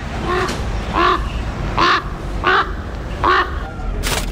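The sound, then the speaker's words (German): A raven caws five times in a steady, evenly spaced series of harsh, loud calls, heard over a constant low background rumble. “Da kommt ein Rabe.”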